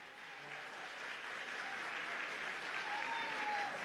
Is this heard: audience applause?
yes